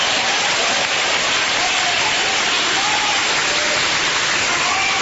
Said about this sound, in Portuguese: Toma o seu assento, desocupem as mãos, batam palmas e glorifiquem a Jesus.